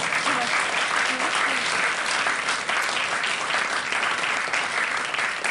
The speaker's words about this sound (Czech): To se mi teda nesmírně líbilo, že jsme sklidili takovej potlesk. Jen co jsme přišli, ještě jsme nic nepředvedli. To bylo nádherný. Klidně se můžete pokračovat, vy vypadáte jako, že vás to baví. No, většinou se tleská až po, jo, ale